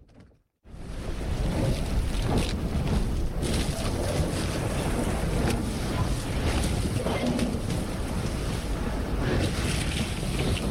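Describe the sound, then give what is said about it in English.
A 400-foot steel icebreaker ship plows through slabs of sea ice in the Bering Sea: a loud, continuous roar of churning water and wind with scattered cracking bursts as the ice splinters, steady throughout, no voices. “From the bow of this 400-foot steel icebreaker, the Bering Sea is breaking up on all sides.”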